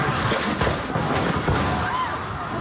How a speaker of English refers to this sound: Absolute chaos in Venezuela last night. That's the sound of people outside while the second of two earthquakes measuring above magnitude 7.0 slammed the country. The capital city of Caracas was hit hard.